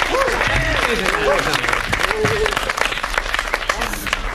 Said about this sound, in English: Come on, give yourself some applause.